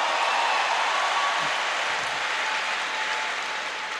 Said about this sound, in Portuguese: Pode aplaudir. Para aplaudir.